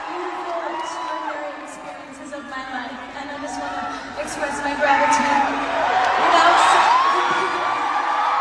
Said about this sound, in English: Can't really hear her there because everyone was cheering so much for her, but she did cry.